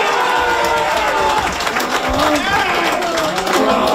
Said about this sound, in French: Donc, ce petit son qu'il fait en se tapant la poitrine avec un poing levé qui reprend cette scène du film des Loups de Wall Street, alors que le personnage de Matthew McConaughey explique au personnage de Leonardo DiCaprio comment il dompte la